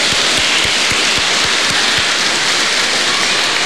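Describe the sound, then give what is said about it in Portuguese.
A crowd claps together in loud, dense, continuous applause, a steady crackling wash of many hands with no voices over it. “agora um forte aplauso para que se anime.”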